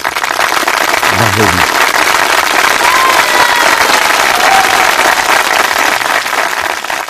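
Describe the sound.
Loud, steady applause from a crowd, a dense wash of clapping that holds evenly for about seven seconds, with a brief voice breaking through near the start.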